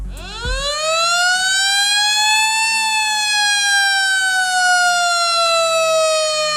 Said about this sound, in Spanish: En Cádiz está previsto en unos minutos, a partir de las 7... que suenen las sirenas de alerta por tsunami.